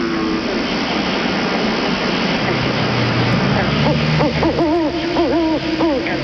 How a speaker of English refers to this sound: What was that? Well, that was just an owl. You don't have to be worried.